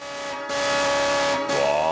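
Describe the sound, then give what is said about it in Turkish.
A car horn being tried out blares loudly and continuously with strong steady tones, briefly dipping before sounding again and shifting pitch near the end, dominant with no other sounds. “Evet, kornayı deneyelim.”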